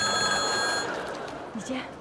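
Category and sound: household object, telephone ringing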